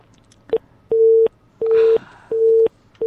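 A telephone busy signal beeps steadily after a caller's phone line to a radio call-in program drops: a short blip followed by three long, evenly spaced tones and the start of another, loud and clear over faint background noise with no talking.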